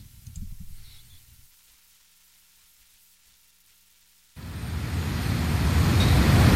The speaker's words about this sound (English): Psst. Hey, is that a bus? Oh.